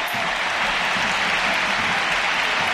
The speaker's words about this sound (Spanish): La primera sustituida es Graham Hansen, que se lleva esta ovación. Y Claudia Pina, escuchamos el Camp Nou.